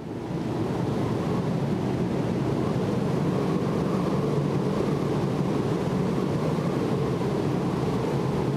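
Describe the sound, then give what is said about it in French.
Strong wind of about 40 knots roars steadily across a ship's deck during a snowstorm with horizontal snow while someone takes snow samples, a dense, unbroken rush with low buffeting that stays loud and constant throughout, with no voices. “It's just blowing 40 knots of wind, snowing horizontal, and you're taking snow samples.”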